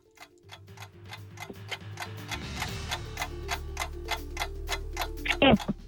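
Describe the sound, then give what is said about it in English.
A quiz countdown clock ticks at a steady, even pace, each tick crisp and regular over a low sustained musical drone that swells slightly, with a brief bright chime near the end; the clock is started for a 12-year-old contestant on the Africa Report quiz. “start the clock.”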